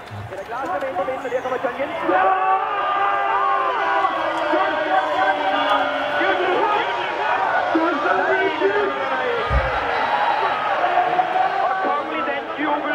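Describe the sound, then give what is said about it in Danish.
A large crowd roars and cheers from a distance as Denmark plays, heard from a balcony, its many overlapping voices blending into a steady, continuous swell that holds throughout without pause. “Men Marco er gået ud på altanen. Og derfor hører vi den legendariske lyd sådan lidt på afstand.”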